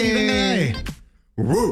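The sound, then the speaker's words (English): A person mimics a small dog's yappy bark with their voice, like a chihuahua, two strained, nasal yips separated by a short pause, fairly loud. “What kind of dog are you giving? Definitely a chihuahua right there.”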